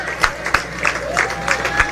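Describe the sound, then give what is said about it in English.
A crowd at a labor movement gathering applauds steadily, with dense overlapping claps and a few sharper bursts, plus faint cheering and murmuring voices throughout, in a round of applause for the 17 men and women who carried the torch for the ABLB in the recently concluded general elections. “Comrades, at this time, I would just like you to offer a round of applause for the 17 men and women who carry the torch for the ABLB in the just recently concluded general elections.”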